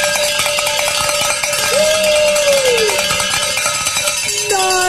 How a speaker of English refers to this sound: Just give it up for a week. Just like that, ring that bell.